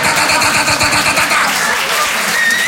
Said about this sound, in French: Et au bout d'un moment, il y a un mec près des lavabos qui déclenche le souffleur à main. Ça, c'est le signal, les gars.